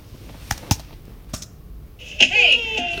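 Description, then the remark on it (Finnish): A few sharp clicks and taps, then a cabin door lets out a loud, high-pitched, wavering creak that drags on for nearly a second until the end. “Se mökin ovi, minkä edessä mun kimppuun käytiin.”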